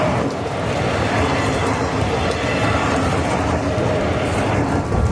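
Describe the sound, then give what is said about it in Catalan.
A train rumbles along in Ripoll on a grey, rainy Sunday afternoon, a steady low roar that holds at an even level for several seconds with no clear beginning or end, and no voices. “Sento el so dels rius, algun cotxe i de tant en tant el tren.”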